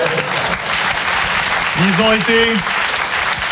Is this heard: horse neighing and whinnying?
no